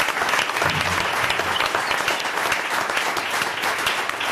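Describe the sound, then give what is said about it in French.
A crowd applauds the volunteers of Bossonnance, the association that organizes the Art en plein air exhibition: a dense wash of many hands clapping steadily at an even, loud level for several seconds, with no one speaking over it. “On applaudit les bénévoles de Bossonnance, c'est l'association qui organise Art en plein air.”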